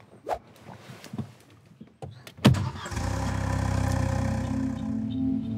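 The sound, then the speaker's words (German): A few scattered thuds and clicks, then a car engine with a potato stuck in its exhaust cranks with a sharp burst and settles into a loud, steady, throaty rumble that continues to the end. “Ein Klassiker. Kartoffel im Auspuff.”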